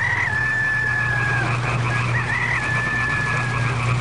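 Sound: rooster crowing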